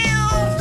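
A single short cat meow, loud, with a clear tonal whine and no voices around it.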